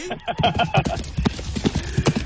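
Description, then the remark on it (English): A ridden horse's hooves clip-clop in a quick, steady rhythm in Townsville, each hollow strike fairly loud, with a low constant hum of background noise underneath. “I felt very comfortable on the horse once I found my my footings, and it was definitely a great experience, and what a great way to show off Townsville.”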